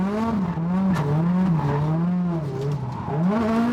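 A drift car's engine howls steadily at high revs on a track in sunshine, its pitch dipping and rising as it slides wide through the first curve, with a faint tire squeal mixed in; loud, no voices.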